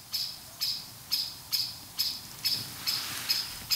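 A blackbird's scolding call: a steady run of about eight sharp, clipped notes repeating roughly twice a second, clear, with no voices and only faint background hiss.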